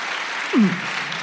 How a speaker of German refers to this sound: Und können mal alle klatschen, die sagen, die Berge sind mein Sehnsuchtsort.